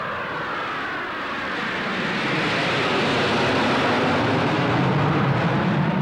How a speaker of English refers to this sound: I think that those planes up there would make an interesting picture, Mr. Ayagi. Russians. Don't you think so? Yeah. What are Russian jets doing here?